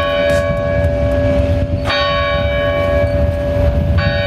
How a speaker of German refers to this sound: Und dann, gerade als wir über dem Einschlafen sind, weckt uns ein Geräusch. Zum Beispiel Kirchenglocken.